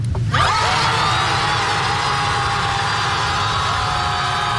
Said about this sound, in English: By the way, what does it sound when more than 100 people yell at the ocean?